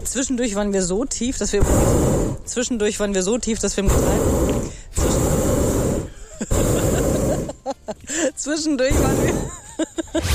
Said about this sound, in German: Aber wir haben so ein bisschen unterschätzt, dass eben diese Gasflamme unterm Ballon auch immer voll in die Sendung reinballert. Wir sind hier schon hinter La Boe. Wir landen, glaube ich, gleich am Strand.